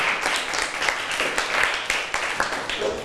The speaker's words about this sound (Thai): เก่งมากๆปรบมือให้ตัวเองอีกหนึ่งครั้งค่ะ